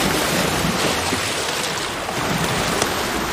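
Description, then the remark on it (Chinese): Heavy ocean surf roars continuously, waves surging and crashing against a harbor seal haul-out site on the shore after a night-long gale, with a dense, steady wash of noise and gusty wind mixed in, loud throughout. “狂风持续了一整夜，汹涌的海浪不断冲击着港海豹的上岸点。”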